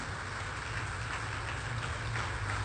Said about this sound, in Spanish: Mis queridos hermanos, y le vamos a dar un aplauso.